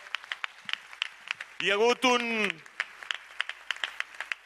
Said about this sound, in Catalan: Doncs vinga, fort l'aplaudiment pel personatge.